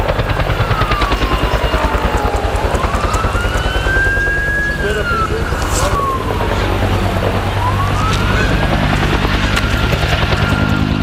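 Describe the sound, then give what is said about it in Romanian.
A firefighting helicopter's rotor thumps loudly and steadily overhead as helicopters and planes work to put out a fire at a recycling site, while a siren wails up and down through the noise across the whole stretch. “Και ακόμη βλέπετε από τις 6 ώρα το πρωί συνέχεια ρίχνουν τα αεροπλάνα και τα ελικόπτερα για να σβήσουν τη φωτιά στην ανακύκλωση.”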